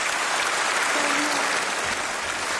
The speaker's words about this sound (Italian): Ecco, noi adesso, come sentite, questo applauso, questo atteso annuncio da parte della Presidente della Commissione Europea